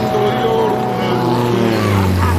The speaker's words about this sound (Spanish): ¿has visto una avioneta a estas horas? Qué raro por aquí.